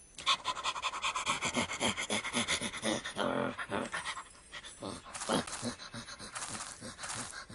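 A dog pants rapidly and steadily, a run of quick, breathy huffs with a hissy texture that keeps up for several seconds, briefly easing in the middle before picking up again.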